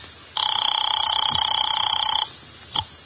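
A telephone bell rings once in a single sustained burst of about two seconds, a bright, rapidly trilling metallic ring, as a call is put through a hotel operator. It stops abruptly, and a brief soft thump follows.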